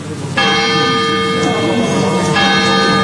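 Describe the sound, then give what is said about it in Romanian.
A clock chimes with two loud, ringing strokes about two seconds apart, each bright metallic tone sustaining and overlapping the next in a resonant, bell-like hum. “E doar ceasul.”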